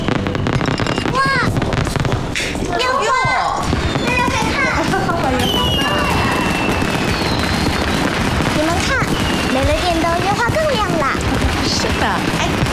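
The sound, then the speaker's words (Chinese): Firecrackers and fireworks crackle and pop continuously in rapid, dense bursts during New Year celebrations in Shanghai, with whistling rockets rising through the barrage; loud, with faint voices mixed in. “烟花鞭炮照旧，咱上海老百姓什么时候怕过？”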